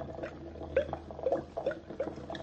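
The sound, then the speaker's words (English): Yellow liquid drips into blue liquid at an increased drip speed, a steady series of small watery plinks, drops falling one after another at a quick, fairly even pace, moderately quiet over a faint background hiss. “Now to increase the drip speed and see if it makes any difference.”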